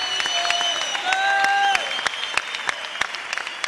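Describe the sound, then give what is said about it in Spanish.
An audience at a church worship service claps in a steady, rhythmic burst of sharp, bright hand claps, with sustained keyboard-like tones holding and shifting underneath for the first couple of seconds. “Aplaude, porque es parte del desarrollo de la fe, del poder.”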